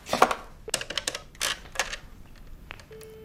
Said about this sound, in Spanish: El hombre que ha entrado se acerca al policía, que escribe a máquina.